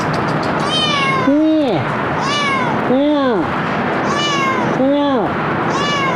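A cat meows repeatedly during a rescue with a rope, about five drawn-out calls in a steady rhythm, each rising and then falling in pitch, fairly loud over a constant hiss of background noise.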